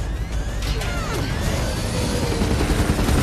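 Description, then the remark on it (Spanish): Rapid bursts of gunfire with sharp metallic impacts of bullets striking a helicopter, all over a loud, continuous roar of rotor and engine noise; no voices. “Las balas golpean el helicóptero y se enciende una luz roja en el tablero.”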